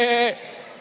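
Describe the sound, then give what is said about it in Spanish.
A crowd of people, asked to make sheep voices on a count of three, mimic a sheep's bleat in a short, loud, sustained "meh" that cuts off abruptly after about a third of a second, leaving a reverberant tail. “A ver, todo el mundo, hagan como ovejas.”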